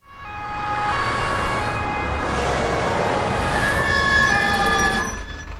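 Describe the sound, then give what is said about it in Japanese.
An ambulance siren wails steadily and loudly for several seconds, its pitch shifting partway through before fading slightly at the end, with no voices present. “救急車を待っている間、そのことが頭を離れなかった。”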